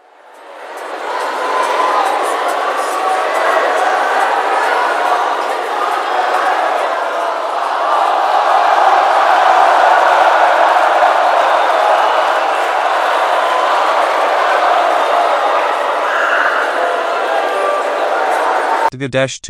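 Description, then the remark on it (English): A dense, steady roar of a large baseball stadium crowd on its feet at a Padres versus Royals game, loud and sustained for nearly twenty seconds, with a broad wash of overlapping voices and occasional swells, ending abruptly. “The crowd is on its feet now, everybody's on the edge of their seats.”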